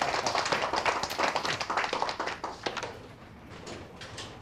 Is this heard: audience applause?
yes